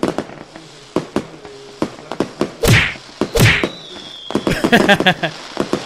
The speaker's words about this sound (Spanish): Espérate, ¿no ves que estamos tronando unos cohetes, güey?